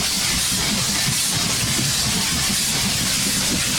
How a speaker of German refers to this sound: Wir fahren mit der Eisenbahn. Jo, jo, jo, jo. Vorwärts gucken, rechts und links sind Bäume. Fahren durch den Schnee, yeah, yeah, yeah. Wir fahren immer schneller.